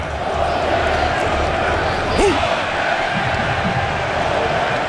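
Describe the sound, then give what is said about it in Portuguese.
A large stadium crowd of Norway supporters cheers after Norway scores to go ahead 2-1 in a football match, in a loud, steady roar that fills the whole stretch, with scattered individual shouts rising briefly out of the dense wash of voices. “2-1, Noruega, para a alegria dessa torcida que você está ouvindo aí.”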